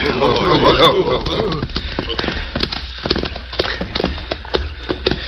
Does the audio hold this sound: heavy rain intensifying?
no